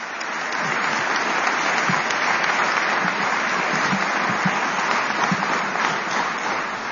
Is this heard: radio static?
no